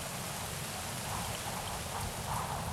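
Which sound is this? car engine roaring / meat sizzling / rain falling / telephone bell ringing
rain falling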